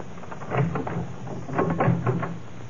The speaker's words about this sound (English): Try the door.